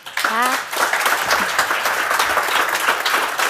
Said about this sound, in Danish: Ja, behøver et bifald fra publikum i Bogense. Parnasset var taget til Bogense, fordi Dansk Sprognævns Festival Sprogense jo løb af stablen der.